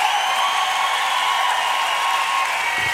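A large concert audience applauds steadily, a dense and continuous wash of clapping with faint crowd noise mixed in, loud and unbroken from start to finish.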